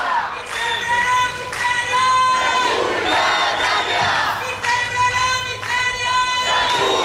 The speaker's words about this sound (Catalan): I ara estan aquí cridant, acaben d'arribar i protestant i amb pancartes i banderes i paraigües, perquè a més s'ha posat a ploure.